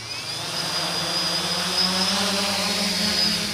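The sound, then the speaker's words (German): A steady, loud electric whir of the rotors of two drones taking off inside a huge cage 15 meters high at the German Aerospace Center in Braunschweig, a high buzzing whine over a low droning hum, with no voices. “Zwei Drohnen starten in einem riesigen Käfig, 15 Meter hoch, erinnert an eine Vogelvoyere.”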